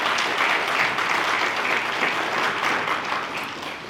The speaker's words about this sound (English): Please, if you can, welcome our guests with warm applause. Thank you so much.